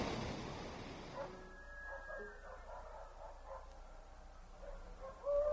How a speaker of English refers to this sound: Huh? What was that? What's that noise? Those are chickens. Roosters. And dogs. And something else.